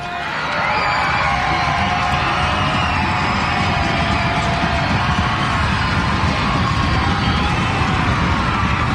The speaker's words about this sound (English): Crowd volume rising here in the ninth inning.